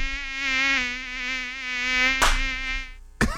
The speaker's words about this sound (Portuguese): Sai mosquito da dengue. Sai daqui, bobo. Sai daqui, seu bobão. Ai, como tem mosquito chato, né?